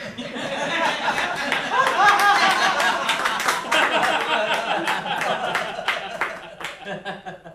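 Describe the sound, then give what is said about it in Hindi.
A crowd of young and old, men and women, claps in a steady rhythm while laughing and chattering, clapping along to a man's off-key singing and dancing; the noise is dense and lively from start to finish, easing slightly toward the end. “उसके कंसुरे गायन पर बाल वृद्ध नर नारी हंसते हुए तालियां बजा रहे थे।”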